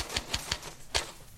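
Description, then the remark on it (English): Four sharp typewriter keystrokes: three evenly spaced clacks, a short pause, then a slightly louder final strike. They are crisp, with no voices. “Say, I wondered if you had my typing ready.”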